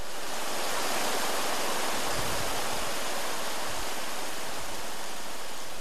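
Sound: flowing stream water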